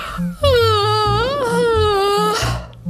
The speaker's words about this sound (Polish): To jest moje ulubione ćwiczenie rozgrzewkowe przed nauką wymowy. Nie ma niczego przyjemniejszego niż ziewanie, więc ziewnijcie jak najszerzej tylko umiecie, jak najbardziej.